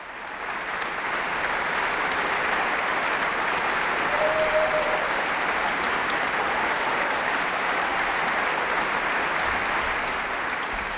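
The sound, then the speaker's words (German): Sustained applause from a large concert audience for the WDR Symphony Orchestra at its new conductor's inaugural concert, as the whole orchestra stands to receive it; a dense, steady wash of clapping that holds at an even loudness for the whole stretch, with no voices standing out. “Ja, und das ganze Orchester erhebt sich, nimmt den wohlverdienten Applaus entgegen, denke ich.”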